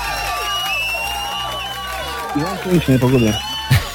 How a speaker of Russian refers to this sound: И эти аплодисменты тоже для тебя.